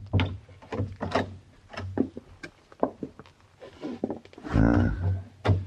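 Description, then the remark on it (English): Soft clicks and shuffling lead up to a service-entrance door being quietly eased open with a drawn-out, groaning creak, all over a steady low hum. “I think this is the door, Monsieur Paladin.”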